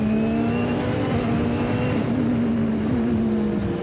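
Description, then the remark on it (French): A turbocharged car engine roars steadily at high load as the car accelerates hard, its turbo set for less response lag. The strong low tone holds with slight pitch wobbles and a faint higher whine above, loud and continuous with no talking. “Là, j'ai changé la position pour avoir moins de temps de réponse avec le turbo. Et ça accélère encore plus fort.”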